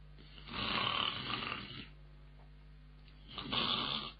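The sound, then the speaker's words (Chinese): A voice imitates snoring: two long, rasping snores, each drawn-out breath rattling loudly, separated by a short quiet pause. “哎，真是吃得饱睡得着啊。”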